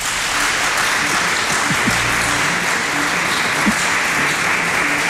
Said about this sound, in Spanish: que ya que estamos en Tomelloso, voy a pedir a la buena gente de Tomelloso que le dé un fuerte aplauso